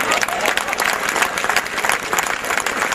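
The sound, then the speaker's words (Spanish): An audience claps steadily, a dense wash of many hands at an even loudness that holds throughout without a break. “Mierda, creí que no iban a aplaudir.”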